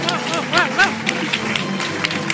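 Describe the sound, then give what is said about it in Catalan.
Steady applause from an audience at the presentation of the Festa Major graphic image, a dense wash of many hands clapping, with a few voices shouting "bravo" and cheering over it early on. “i també dir-vos que penso que aquesta és la vegada que la imatge de Festa Major ha estat una obra col·lectiva amb tantíssima gent i que això es mereix un fort aplaudiment per totes elles.”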